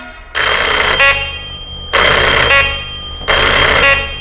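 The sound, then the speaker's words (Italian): A faulty doorbell buzzes loudly three times in a row, each harsh, rattling burst lasting under a second with short gaps between, and no voices. “Devo far aggiustare sto campanello maledetto che fa sempre dei versi.”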